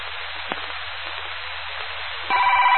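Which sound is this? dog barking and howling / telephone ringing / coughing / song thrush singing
telephone ringing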